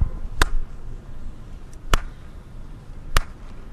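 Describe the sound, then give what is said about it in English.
Three sharp, loud hand claps in a workshop, made to test echolocation, spaced over a few seconds, each followed by a faint, brief echo trailing off. No one speaks, and there is a low background hiss between claps. “Like, to me, there's the clap, some space, but it, like that half of a microsecond later, you'll hear the echo.”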